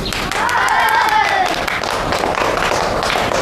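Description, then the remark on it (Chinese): Students in a classroom clap steadily for a few seconds to welcome a lieutenant colonel of the Nationalist Fifth Army, a dense patter of applause, with some voices rising over it near the start. “也是我们国家的抗日英雄，我们用掌声欢迎他。”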